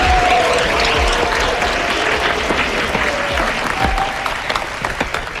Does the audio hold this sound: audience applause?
yes